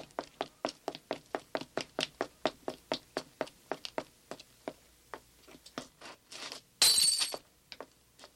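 A fast, steady run of sharp taps slows and thins out, then a loud, brief crash of breaking glass as the pane of a street-corner fire alarm is smashed to report a house fire, with a short tinkle after.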